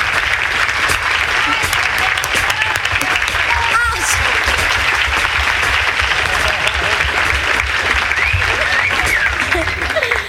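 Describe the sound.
Sustained, dense applause fills the whole stretch at a steady, loud level, with scattered crowd voices and faint cheers mixed into the clapping.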